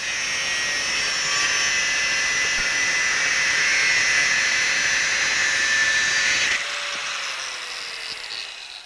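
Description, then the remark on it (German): An angle grinder shrieks steadily against metal, roughing out the contour of a Santoku kitchen knife blade, a harsh high whine with gritty hiss, then lifts off and the motor spins down in the last couple of seconds. “Die Kontur arbeitet Jonathan in zwei Schritten heraus. Mit der Flex erledigt er die Vorarbeiten.”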